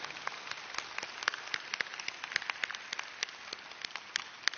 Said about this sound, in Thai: รับปรบมือดังๆให้กับผู้นำบุญทั่วประเทศนะ